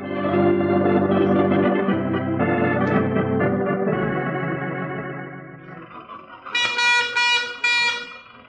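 An early motor car's horn honks loudly while the car is being driven, in long, buzzy, wavering blasts followed by a few sharper, brighter toots near the end, with no one speaking.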